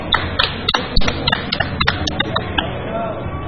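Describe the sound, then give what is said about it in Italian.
A crowd applauds the listeners with a steady, dense crackle of many hands clapping at once. Sharper individual claps poke out irregularly, and the clapping holds an even loudness throughout. “Il nostro applauso per voi!”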